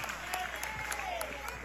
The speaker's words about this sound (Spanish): Denle un fuerte aplauso al Señor y nos ponemos paraditos. Aleluya.